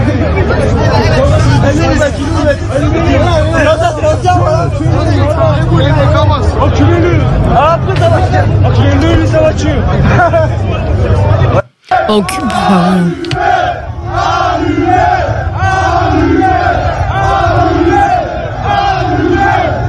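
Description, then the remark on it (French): A broadcast extract of a large rioting crowd shouting and yelling loudly in the street during riots, voices overlapping in a constant roar, with shouts calling for murder and for cars to be set on fire, and a brief cut partway through before the chanting and shouting resume. “Enfin, je sais pas si on peut écouter des extraits de qui ont été diffusés de ces échauffourées hier ou de ces émeutes.”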